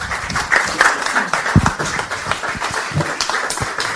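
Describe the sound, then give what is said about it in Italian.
Audience applause fills the scene, a dense, steady patter of many hands clapping for several seconds, with faint voices mixed into the crowd noise. “Come vedete, bravo Capra, ho interrotto il tuo applauso, ti chiedo scusa, l'ho fatto apposta perché spero che il mio sia più rumoroso.”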